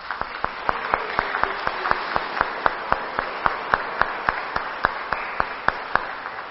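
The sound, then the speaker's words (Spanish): An audience at a Catholic Mass in church applauds steadily, a dense wash of many hands with sharp, evenly spaced claps standing out in a quick rhythm, sustained for several seconds with no one speaking. “Y ahora, por favor, volteándonos hacia el pueblo, por favor, y nosotros vamos a darles un fuerte aplauso.”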